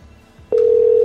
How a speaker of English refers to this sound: Still not busy. I wonder if they can, like, not hear it ringing or something.